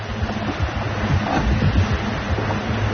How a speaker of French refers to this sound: Le Malaysia Explorer affronte des vagues croisées qui mettent le pilote automatique à l'épreuve.